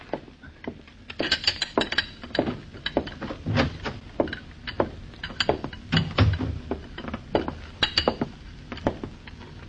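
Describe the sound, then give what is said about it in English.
Cups and saucers clink repeatedly on a tea tray being carried in, sharp bright rattles and taps in an irregular rhythm over a low rumble of movement, with no voices. “You carry your tray into her now.”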